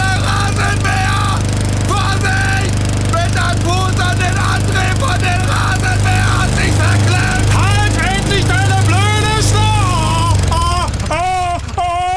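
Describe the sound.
A lawn mower engine drones steadily and loudly throughout while voices shout and cry out over the running motor as a foot gets caught in the mower.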